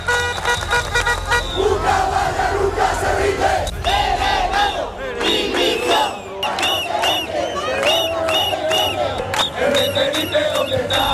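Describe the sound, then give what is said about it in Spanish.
Residents of Ceuta, Spain, protest in the streets on a Wednesday against the central government's handling of the crisis over the mass entry of migrants. A large crowd shouts and chants loudly and continuously, voices rising in overlapping waves with rhythmic outbursts, while a low rumble of traffic runs underneath. “En un clima de máxima tensión, los ceutíes han vuelto a salir este miércoles a las calles para protestar por la gestión de la crisis por parte del gobierno central cuando se cumplen 4 semanas de la entrada masiva de migrantes a la ciudad autónoma.”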